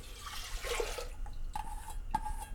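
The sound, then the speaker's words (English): 4.5 cups of water splash and gurgle as they are poured into a preheated pressure cooker with dal, a steady rushing pour followed by a couple of sharp metallic clinks. “And then I'm measuring 4.5 cups of water.”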